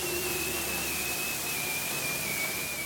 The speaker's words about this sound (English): That strange whistle, like a falling bomb, is the mating call a bearded seal makes in the spring, love bombing his potential mate, if you will.